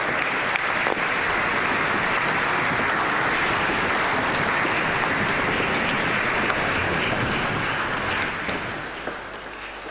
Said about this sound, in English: Un bel applauso alla Limburg Cathedral Choir, appunto da Limburg in Germania. An applause to the Limburg Cathedral Choir from Limburg, Germany.